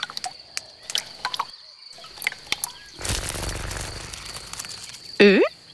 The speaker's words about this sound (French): Tiens, une coccinelle. Tu entends ses ailes? Ouh! Qu'elle est belle, avec sa robe rouge à points noirs.